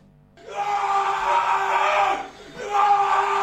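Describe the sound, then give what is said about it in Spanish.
A fan screams a long, sustained goal shout at full voice, holding one strained note, breaking briefly for breath, then launching into a second loud bellow. “Yo también quiero escuchar los gritos pelados de gol”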